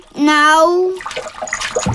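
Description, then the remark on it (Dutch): A sustained, steady tonal squeal lasting about a second, followed by choppy splashing and sloshing of water as someone splashes in a bathtub, continuing to the end. “En je mag lekker spetteren en onder water duiken met mijn duikbril.”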